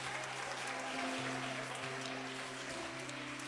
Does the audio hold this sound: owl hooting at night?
no